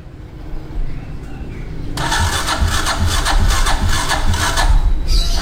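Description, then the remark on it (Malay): A motorcycle engine cranks and sputters and fails to start: a loud, rapid pulsing that kicks in after a low rumble and keeps churning without settling into a steady idle. “Aduh, sabung motor mati lagi. Saya mau ke kampus, sudah telat. Wah, itu businya tuh kayaknya”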